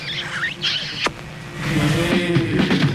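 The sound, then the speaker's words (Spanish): Squeaky, wet kiss smacks sent to listeners, pressed right up against the microphone after a count of three, a quick flurry followed by one sharp pop, then a sustained tonal sound takes over. “A ver, para casi tú y yo le damos un beso.”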